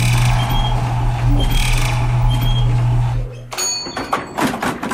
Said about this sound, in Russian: И Мишка дважды нажал кнопку с цифрой 7. Лифт, сверкая неоновыми лампочками, плавно поехал вверх.